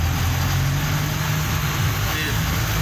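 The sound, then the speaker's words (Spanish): Steady low rumble of idling cars and taxis in a daily traffic jam on a narrow street in Arboleda Campestre, Yarum, a continuous wash of traffic noise with no clear breaks or distinct horns. “Los días los trancones acá en Yarum.”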